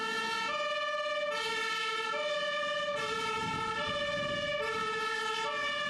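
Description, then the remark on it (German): A fire engine siren wails loudly in a steady two-tone pattern as the fire brigade, alerted to an alarm, turns out, alternating high and low pitches about every half second, with a low engine rumble underneath and no voices. “Die große Feuerwehr wurde alarmiert und musste ausrücken.”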